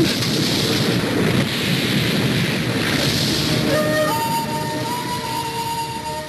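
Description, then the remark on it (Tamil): Heavy, steady rain pours down with a deep rumble of thunder underneath, the downpour easing slightly as faint sustained tones creep in toward the end. “நான் உன்னை கூப்பிடணும்னு வந்த, மழை வந்துருச்சு கொடை கிடைக்கல”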